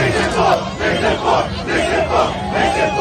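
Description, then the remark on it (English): A large crowd chants "Knicks in four" forcefully in unison, loud voices rising and falling in steady, aggressive pulses a little under a second apart, with a constant roar of voices filling the gaps. “That's an aggressive chant.”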